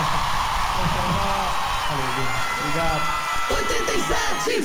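A crowd claps and cheers in a steady, dense wash of noise, with rising shouts and whoops breaking through in the second half.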